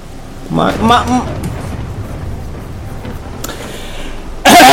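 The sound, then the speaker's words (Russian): A video game thunderstorm: a steady wash of rain and low rumbling fills the background while a voice briefly speaks over it, then a sudden loud, sharp thunderclap bursts in at the end. “Если меня молния не ёбнет.”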